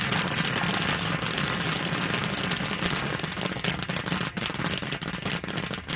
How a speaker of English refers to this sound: Firing up the kettle at a festival in Chagrin Falls. Oil, then corn, and then sugar, and that's all it is.